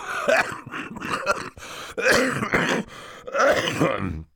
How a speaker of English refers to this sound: Mr. Poe opened his mouth to say something, but erupted into a brief fit of coughing.